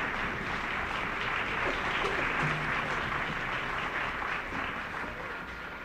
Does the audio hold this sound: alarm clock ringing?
no